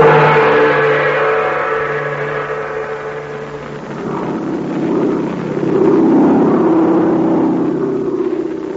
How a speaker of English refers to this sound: Of a plane flying through the blackness of the China night brought Terry and Pat Ryan a new problem.